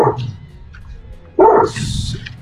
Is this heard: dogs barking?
yes